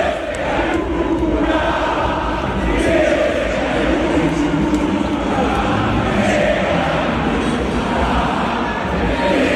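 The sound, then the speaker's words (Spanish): A stadium crowd chants loudly at footballer Ángel "Fideo" Di María, a dense roar of many voices holding a steady, unbroken level for the whole stretch, with rhythmic shouted swells rising above the mass. “Y lo primero es lo que le gritaron a Fideo Di María, ¿sí? Fue esto lo que le gritaron, ¿no?”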